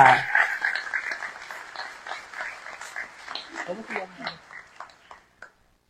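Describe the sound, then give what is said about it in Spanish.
A group of people claps in a burst of applause for a consecrated religious sister on the day of consecrated life, starting strong and gradually thinning out over about five seconds, with a brief voice or cheer mixed in near the end. “Así que démosle un fuerte aplauso a la hermana porque ella es consagrada en su día.”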